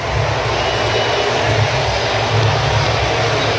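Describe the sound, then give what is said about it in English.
A huge crowd at T-Mobile Park roars and cheers wildly during a Mariners baseball game after Randy Arozarena's two-run home run, with fireworks going off: a dense, loud wall of noise that holds steady without letup for the whole stretch, with no voices speaking over it. “T-Mobile Park going wild.”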